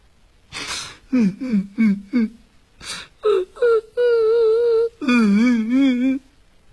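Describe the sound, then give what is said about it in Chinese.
A voice imitates crying heard from inside a house behind a bolted door, with breathy gasps and short choked sobs building into long, wavering wails, like a man and a woman weeping together, fairly loud. “这哭声好像是有男有女。”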